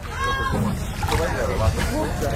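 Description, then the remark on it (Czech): A motorboat carries passengers about 10 kilometres from the shore of Limassol, Cyprus, out to the open sea; its steady engine rumble fills the whole recording, constant, with rushing water noise on top and faint, indistinct voices mixed in. “nasedáme do člunu, který nás od břehu kyperského města Limassol veze asi tak 10 kilometrů na volné moře.”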